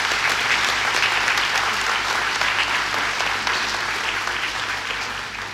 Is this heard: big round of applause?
yes